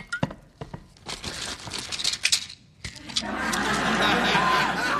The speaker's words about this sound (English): is that a pitcher of water on your desk? Would you mind pouring me a glass?